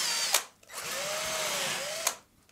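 A power drill hollowing out a turnip, a steady whirring grind that spins up, holds with a slight pitch sag for about a second and a half, then cuts off. No voices.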